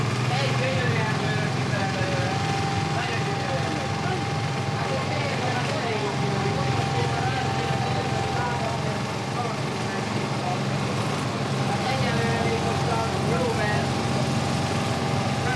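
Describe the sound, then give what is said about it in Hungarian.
A second water pump runs continuously, its motor giving a loud, steady droning hum with a rough mechanical buzz that holds at an even level throughout. “A második szivattyú.”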